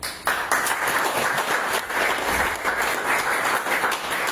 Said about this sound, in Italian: Applauso d'obbligo per mister Formisano